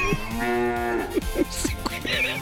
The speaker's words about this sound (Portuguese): Mugido especial para aquela pessoa especial.